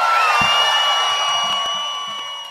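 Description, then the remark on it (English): A loud audience in Austin cheers and shouts continuously, with high whoops and sustained yells riding over a dense roar of voices that slowly fades a little toward the end. “Austin, make some noise, people!”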